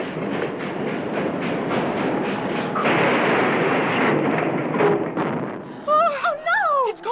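A heavy train engine rumbles past a house in the dark with a steady clattering rhythm that swells loud as it nears the Honey Creek Bridge, then gives way to a chaotic collapse of shrieking, wavering metallic tones and crashing noise as the bridge goes out.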